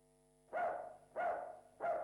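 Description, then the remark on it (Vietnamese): A dog at a house barks three times around midday in a steady, evenly spaced rhythm, each bark loud and sharp, with a faint steady hum underneath and no talking. “chị Tám đang dọn dẹp nhà cửa thì nghe tiếng chó sủa”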